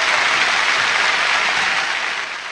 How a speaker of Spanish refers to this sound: Tal vez la ovación más larga de la historia del teatro ópera, esto fue el 22 de agosto de 1987.